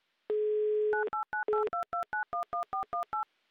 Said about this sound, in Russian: Еще раз набран номер телефона, еще раз дождемся хоть какого-то ответа, автоответчика или гудков,